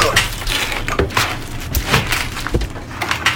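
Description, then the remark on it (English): A wooden crate filled with glass panes for a greenhouse is broken open, with a burst of sharp cracks, creaks and splintering snaps over a few seconds and a low rumbling underneath. “a crate full of glass? The crates are filled with glass panes for my greenhouse.”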